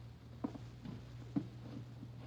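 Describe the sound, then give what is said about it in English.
Slow, soft footsteps come down a hallway, landing a few at a time and muffled, over a steady low electrical hum in an otherwise quiet space. “And then I did hear steps, slowly coming down the hall.”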